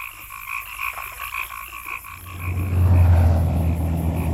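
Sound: frogs croaking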